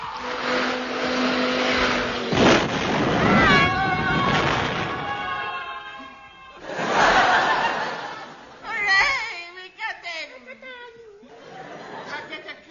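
A cat meows several times, drawn-out and wavering, over a busy, noisy background of chatter and rumbling, the later cries sliding up and down in pitch.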